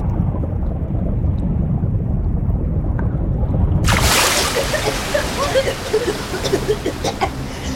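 A deep, steady rumble of surging water builds for about four seconds, then an ocean wave in deeper water crashes in a loud, hissing burst and breaks into frothy sloshing and bubbling.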